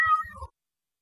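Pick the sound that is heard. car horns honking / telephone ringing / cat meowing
cat meowing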